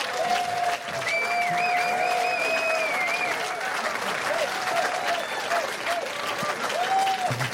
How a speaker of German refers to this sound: Bitte einen Applaus für Kirsten Fuchs.